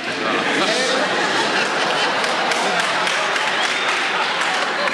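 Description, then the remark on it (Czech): Sustained audience applause at a lecture, in reaction to the speaker saying the word 'papers', fills the whole stretch, a dense, steady wash of many hands clapping at once, fairly loud, with a faint murmur of crowd voices mixed in. “Ne, dokonce potlesk, ano.”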